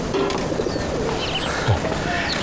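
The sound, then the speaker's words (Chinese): A pigeon coos softly once in the middle, a low brief warble set against steady outdoor background noise and faint, scattered bird chirps. “你说这鸽子我给你治好了”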